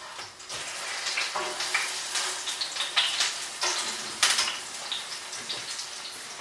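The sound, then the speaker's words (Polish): Potato pancakes fry two at a time in hot oil in a pan, a dense crackling hiss with frequent sharp pops and spits, fairly loud, with no one speaking. “Oczywiście takie pieczenie po 2 na patelni zabiera więcej czasu, ale jest bezpieczniejsze i łatwiejsze.”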